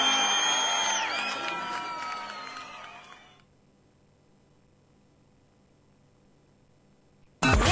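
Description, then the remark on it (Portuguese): A crowd cheers and applauds with high whoops, loud at first and then fading away after a few seconds into near silence, ending with a sudden short burst of sound. “Aplausos”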